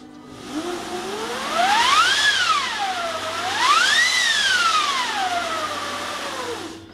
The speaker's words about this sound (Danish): Det var virkelig højt i radio. Ja, det er også det er en stor vindmaskine. Men det er faktisk lidt svært at høre, når hele orkestret spiller. Det er sådan en effekt, der ligger hen.